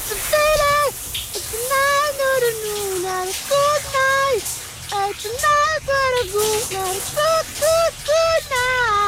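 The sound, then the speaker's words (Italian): A steady hiss of running shower water fills the background while a voice sings a melody over it in short phrases. “E intanto andiamo sotto la doccia, sentiamo. Le canzoni sotto la doccia.”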